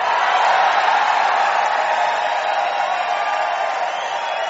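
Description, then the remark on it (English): A large live audience in Atlanta claps and cheers in a steady, dense roar that holds at full volume for several seconds, with no one speaking over it, welcoming a performer at a live recording. “Let's give a big Atlanta round of applause to the one, the only”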